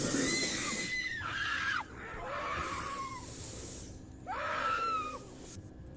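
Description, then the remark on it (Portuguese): A peccary squeals in distress as an anaconda tries to kill and swallow it: several long, shrill, harsh cries, each bending downward at the end, with short gaps between them over a steady hissing background. No one speaks. “E nós temos uma outra passagem de uma outra cobra, já tentando dessa vez ali matar e engolir um porco do mato.”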